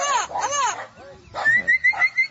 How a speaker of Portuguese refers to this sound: E solta o som do papagaio boiadeiro. Papagaio boiadeiro aí na tela para vocês.